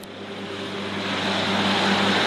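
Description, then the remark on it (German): A tractor with additional extra-wide tires on the rear axle mows roughly 1-meter-tall grass on farmer Lars Andreas Sie's moor meadows in the Uckermark, its engine a steady low drone with humming tones under a broad rushing hiss that grows gradually louder. No one speaks. “Mit zusätzlichen extra breiten Reifen auf der Hinterachse mäht ein Traktor das etwa 1 Meter hohe Gras auf den Moorwiesen von Landwirt Lars Andreas Sie in der Uckermark.”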